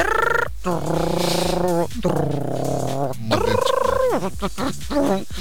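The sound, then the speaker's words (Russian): A voice imitates an old dial-up modem connecting to the internet over a landline telephone: loud, continuous warbling and screeching tones with sliding pitch, broken by brief gaps and ending in rapid choppy bursts. “Знаете, мы такие старые, что мы еще помним, как, знаете, вот такой звук был.”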